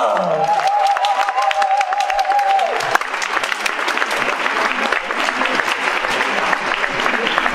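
Audience applause fills the whole stretch, a steady dense patter of many hands clapping at a fairly loud, even level, with a brief tonal whistle or feedback hum in the first few seconds.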